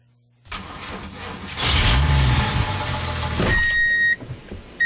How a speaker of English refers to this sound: Clear behind me? All clear. Bring it up. You hear the diesel. You feel the ground move.